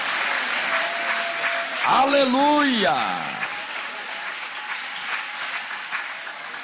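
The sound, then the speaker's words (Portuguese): A church audience applauds God with steady, dense clapping that runs the whole time, while a voice calls out loudly over it partway through. “Pode aplaudir.”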